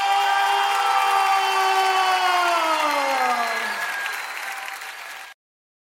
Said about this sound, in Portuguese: E quando eu disser essa frase, dê uma salva de palmas mais forte que você puder dar.